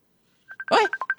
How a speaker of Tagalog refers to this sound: Ay, Diyos ko, ambot, nakibot ko. May nagpanawag sa messenger ko.